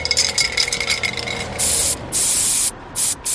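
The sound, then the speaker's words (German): An aerosol spray can rattles briefly, then lets out three loud hissing sprays of varying length, separated by short pauses, while spraying graffiti at a holiday graffiti workshop in Dresden. No one speaks. “Dort gibt es heute einen Ferienworkshop zum Thema Graffiti. Und wir dürfen dabei sein. Wir werden dort hoffentlich sprühen und erfahren, wie das überhaupt geht.”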